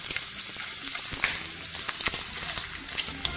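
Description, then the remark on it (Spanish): Potatoes being dropped into boiling oil and frying, a loud, steady crackling sizzle with dense bright pops and occasional sharper spits, with no voices. “sonido del aceite hirviendo al echar las papitas.”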